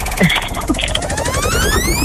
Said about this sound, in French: Mais d'abord, il faut lancer la roue de la force basque.